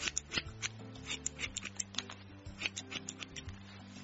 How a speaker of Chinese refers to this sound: 剪刀咔嚓咔嚓的声音在耳朵响个不停，我闭着眼睛不敢看老妈表演。